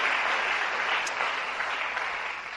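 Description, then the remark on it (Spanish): A crowd applauds for the Lord at night, a steady, dense wash of many hands clapping at an even loudness that tapers slightly toward the end, with no voices standing out. “Dale un aplauso al Señor en esta noche.”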